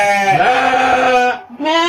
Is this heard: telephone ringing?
no